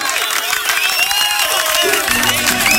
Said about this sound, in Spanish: Aplausos que me voy.